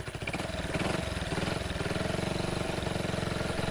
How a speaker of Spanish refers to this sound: Che, ¿no le arranca ahí la moto?